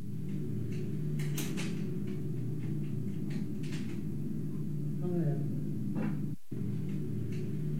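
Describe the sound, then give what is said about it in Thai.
A hotel room door in Hat Yai, Songkhla, is pushed open at around 4:00 a.m. by someone trying to get in and reaching in to undo the chain lock; it catches on the chain, giving a few sharp rattles and clunks over a steady background hum, with faint muffled voices. “ลักษณะเหมือนมีคนเนี่ยพยายามที่จะเปิดประตูเข้ามาแล้วก็เอามือเนี่ยเอื้อมเข้ามาเพื่อจะเอาไอ้สายโซ่คล้องประตูออก อุ๊ย อ่ะเรามีคลิปด้วยนะคะเรื่องนี้มันเกิดที่โรงแรมแห่งหนึ่งที่หาดใหญ่สงขลา”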